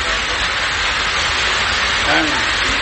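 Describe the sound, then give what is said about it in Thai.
Steady, dense rain pours down in a continuous hiss, fairly loud throughout, with a brief faint voice rising under it near the end; the rain has just started to fall, heard from under shelter. “จะให้ว่าไงฝนตกแล้วเนี่ยเนี่ยเจ๋งมากกว่าฝนเนี่ยอยู่อยู่มันก็ตกมาเลยฝน”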